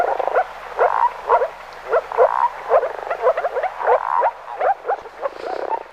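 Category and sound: animal, moor frog calling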